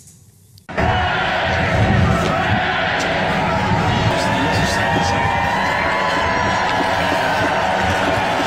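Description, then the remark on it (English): A large crowd at Trooping the Colour erupts into sustained, loud cheering after a brief quiet start, as King Charles, Queen Camilla and the Prince and Princess of Wales step onto the Buckingham Palace balcony. Scattered whoops and shouts rise above a dense, steady roar of many voices. “The crowds cheered as King Charles, Queen Camilla and the Prince and Princess of Wales stepped onto the Buckingham Palace balcony before the finale, which saw the famous Red Arrows roar overhead in a dazzling flypast.”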